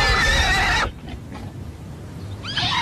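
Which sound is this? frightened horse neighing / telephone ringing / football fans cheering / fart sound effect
frightened horse neighing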